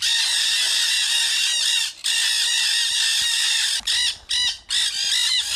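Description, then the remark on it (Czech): A flock of nanday parakeets, South American parrots, screeching loudly and continuously around an aviary, many harsh overlapping calls, with only a few brief gaps in the din. “Bylo to hejno arating černohlavých.”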